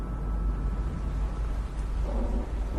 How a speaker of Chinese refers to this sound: 外面隐隐有雷声传来，大雨倾盆的街道行人稀少